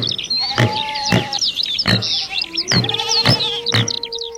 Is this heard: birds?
yes